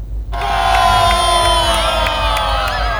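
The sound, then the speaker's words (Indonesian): Thousands of spectators on the apron of the Samsudinur air base in Banjarbaru, South Kalimantan, Indonesia, cheer and shout continuously, a loud dense roar of many voices with scattered whoops, starting abruptly after a brief quiet moment, as they watch the Indonesian Air Force's Jupiter Aerobatic Team perform aerial maneuvers. “Ribuan masyarakat memadati apron Lanut Samsudinur Banjarmasin di Banjarbaru Kalsel untuk menyaksikan penampilan memukau Jupiter Aerobatic Team atau JAT, tim aerobatik kebanggaan TNI Angkatan Udara, Kamis 4 Juni.”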